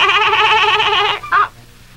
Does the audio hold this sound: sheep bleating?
yes